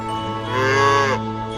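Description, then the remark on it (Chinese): A dairy cow on a modern dairy farm in China lets out one long, loud moo that swells in the middle and then fades, with a steady low hum of barn machinery running underneath. “饲料对保证牛奶品质至关重要，饲料搅拌站的12台设备每天24小时不停运转，才能满足奶牛的进食需求。”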